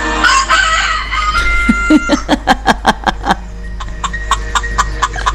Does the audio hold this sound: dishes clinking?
no